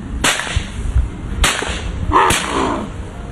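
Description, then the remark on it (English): Three sharp shotgun blasts, fired at a white-winged dove, crack out at uneven intervals, each a sudden loud burst that fades quickly, over a low rumble of outdoor background noise with no one speaking. “Dang, I hit him. That's a white wing.”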